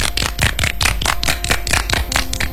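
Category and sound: crowd, audience clapping hands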